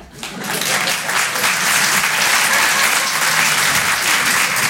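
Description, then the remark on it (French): A comedy show audience on Rire et Chansons bursts into sustained applause, in answer to being asked whether people have friends, the clapping rising quickly and staying loud and dense for several seconds, a broad wash of many hands. “Par applaudissement, est-ce qu'il y a des gens qui ont des amis?”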